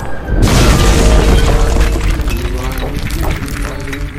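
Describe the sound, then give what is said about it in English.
A massive boulder slams into the ground so hard that nearly half of it sinks in, with a sudden, loud booming impact, followed by a heavy rumbling crash that lingers for several seconds as faint voices come through. “The boulder slammed into the ground.”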